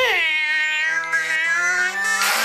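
cat meowing

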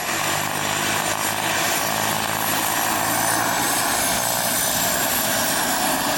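aircraft engine

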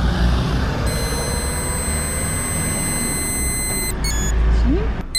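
breathalyzer tone

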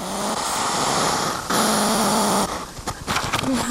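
hedgehog huffing loudly

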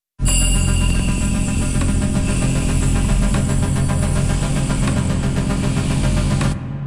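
heavy motorcycle engine roaring

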